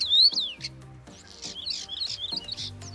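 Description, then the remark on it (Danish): A common starling sings in spring, a busy jumble of whistles, sharp chirps and rattling clicks in quick succession, with descending whistled notes at the start and no voices. “Så kan man ligesom gå ud i foråret og nyde den rigtige stære og dens smukke sang. Prøv at høre her.”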